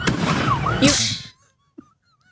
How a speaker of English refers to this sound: Sounds like a war zone. It is a war zone. You can see a firework explode near a patrol car as officers tried to break up this latest sideshow around 2 a.m. Sunday at Columbus Parkway and Georgia Street.